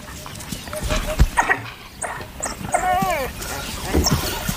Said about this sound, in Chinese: 一只非洲野犬在巡逻途中发现了一只刚刚捕获猎物的花豹， 他正在召唤其他非洲野犬来帮忙。